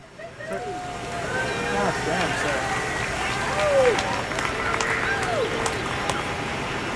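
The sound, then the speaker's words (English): An outdoor crowd of people from surrounding offices cheers and claps on a brilliantly sunny morning as an elk is lifted into the air for placement; many voices rise in excited shouts over a steady wash of applause and open-air background noise, sustained throughout. “When the elk finally takes to the air, there's obvious excitement in the crowd.”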